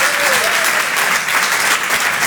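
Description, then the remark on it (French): A crowd at the Apollo applauds comedian Jérémy Charbonnel steadily in a loud, dense wash of clapping, with a whistle or cheer rising briefly near the start and no break in the noise throughout. “Faites du bruit, s'il vous plaît, pour Jérémy Charbonnel.”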